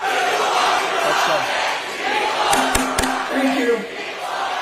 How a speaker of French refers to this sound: On les entend crier People Over Profit dans le New Jersey. Un autre collectif de citoyens résidents a obtenu l'annulation de la construction d'un gigantesque centre de données. Voilà l'ambiance.